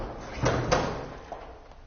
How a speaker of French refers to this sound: Prend le cadavre, ouvre la porte, le jette dans la chambre et referme la porte.